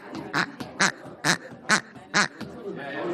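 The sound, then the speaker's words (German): The smallest of several squeeze-toy chickens squawks five times in a steady, evenly spaced rhythm, each cry harsh and nasal, with a faint background murmur between them. “Genau, das kleinste Huhn kann eine Menge.”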